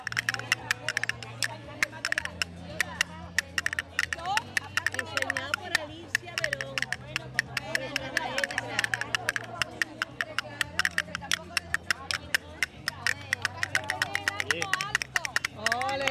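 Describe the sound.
Castanets clatter in fast, crisp bursts of sharp clicks, riding over music with a steady low bass line while voices murmur underneath.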